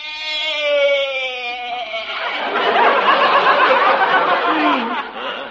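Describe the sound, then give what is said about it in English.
A goat named Arthur gives a long, wavering bleat, then a burst of audience laughter swells up and carries on to the end. “Yeah, you sure bleated a bit full, Arthur.”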